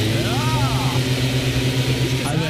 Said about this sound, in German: Ja, das war der Laubbläser, habt ihr gleich erkannt. Das ist für mich das nervigste aller Herbstgeräusche, wobei ich fairerweise dazu sagen muss, dass die ja inzwischen auch als E-Laubbläser oft, und dann klingen die nur noch wie so ein Föhn.